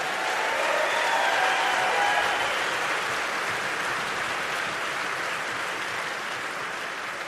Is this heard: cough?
no